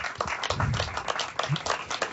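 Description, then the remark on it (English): An audience claps in praise for Jesus, many hands striking at once in a dense, crackling wash of overlapping claps, with a few low voices calling out beneath the applause. “Clap for Jesus right now.”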